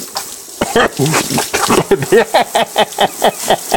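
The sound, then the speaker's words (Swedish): Water is poured steadily over a towel covering a person's mouth and nose during waterboarding, splashing, while the person underneath gurgles and sputters in quick, rhythmic bursts that grow more regular toward the end. “Nej, mer vatten, mer vatten.”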